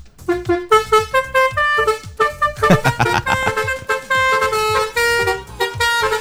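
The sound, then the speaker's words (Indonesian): A loud musical bus horn (basuri) plays a quick melodic tune of sustained, harmonically rich notes that change pitch in rapid succession, honking continuously for several seconds with no talking. “Nyari basuri ya malam minggu ya, mungkin ada ya yang kegiatannya kayak gitu.”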